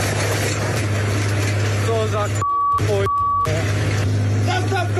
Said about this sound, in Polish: Skoro intruzi zajęli ojcowiznę, 60-letni rolnik postanowił wziąć sprawy w swoje ręce. Podjechał Ursusem z podpiętym pługiem i...